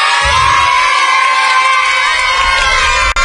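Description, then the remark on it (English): A loud crowd of family, friends and fans cheers and shouts continuously, welcoming the Bridgewater Little League team home after the Little League World Series in Williamsport, Pennsylvania, with high-pitched children's voices whooping over a dense wall of excited noise and brief low thumps underneath. “the Bridgewater Little League team was welcomed home by family, friends, and fans last night after their trip to the Little League World Series.”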